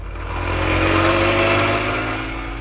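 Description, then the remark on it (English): A car engine roars loudly and steadily as a police car carrying two policemen accelerates away from Scotland Yard, careening out of the gates and speeding out of London into Essex, a rich rumbling drone that swells and then begins to fade slightly toward the end. “Inspector Manson and Sergeant Wright left Scotland Yard, careening out of the gates on two wheels, and roared out of London and into Essex.”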